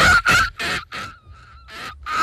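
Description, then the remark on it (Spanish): A person imitates an old seagull: a run of harsh, raspy squawks in quick succession, a thinner wavering cry, then one more loud squawk, all loud. “Muy, muy de gaviota, la respera esa que le sale, muy de gaviota ya viejita, ¿no?”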